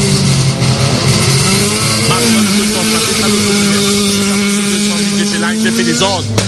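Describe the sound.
A Renault Clio RRS rally car engine roars loud at the start of a rally stage, its pitch climbing steadily as it accelerates, with a brief drop near the end like a gear change. Muffled voices sit underneath.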